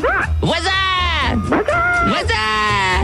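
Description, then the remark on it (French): Someone imitates as many animal noises as possible, loud, in a run of exaggerated bleating and bark-like yelps in quick succession, with strongly wavering voiced pitch and no ordinary speech. “Le maximum de bruit d'animaux, on y va.”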